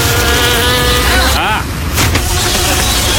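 A fly buzzes steadily and loudly, its whine bending in pitch as it swoops past midway, over a dense low rumble of background sound; audio from the trailer of the Mexican film Moscas.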